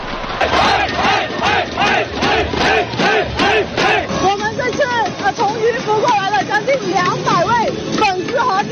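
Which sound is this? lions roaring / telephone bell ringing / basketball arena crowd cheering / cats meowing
basketball arena crowd cheering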